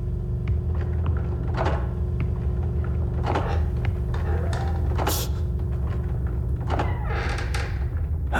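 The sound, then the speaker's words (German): Old wooden floorboards in an old house creak and knock a few times at irregular intervals as someone sneaks away quietly, over a steady low rumble with no one talking. “Und pass auf, die Dielen knarzen so.”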